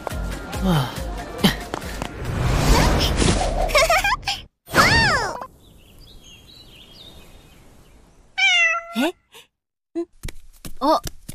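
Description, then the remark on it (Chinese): A cat that isn't eating its cat food meows a few times in short, rising-and-falling cries with pauses between them, clear, after a stretch of busy, noisy scuffling. “这猫怎么不吃猫粮啊？”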